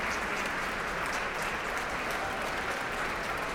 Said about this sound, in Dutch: En daar komt hij nogmaals om dit applaus in ontvangst te nemen. Groot applaus ook van alle muzici van het Concertgebouworkest.